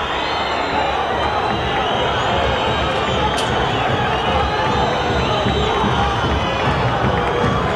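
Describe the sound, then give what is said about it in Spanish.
A large football stadium crowd roars steadily as the Talleres players leave, with shrill whistles rising above the dense, loud din of many voices throughout. “Se van retirando los futbolistas de Talleres allí. Entre silbidos y hasta la sensación de la gente que no sabe cómo reaccionar.”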